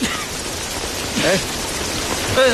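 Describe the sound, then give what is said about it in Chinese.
Steady, even rain hisses throughout in cold, damp weather in Xiangxi, a dense wash of falling drops, with a couple of brief voice fragments rising faintly over it. “天冷了喽，还下雨了。”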